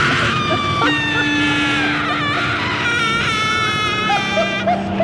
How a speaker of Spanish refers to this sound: En ese momento escuchamos un chillido salvaje y espantoso que parecía provenir del fondo del abismo. Los pescadores generalmente eran supersticiosos. Aseguraron que se trataba de una risa de mujer